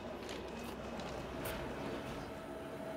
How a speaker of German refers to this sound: Kurz oberhalb von Zermatt überquert unser Zug das Findelbach-Viadukt. Es überbrückt den Findelbach 90 Meter darunter. Und hier wird deutlich, es geht steil hinauf mit bis zu 20%.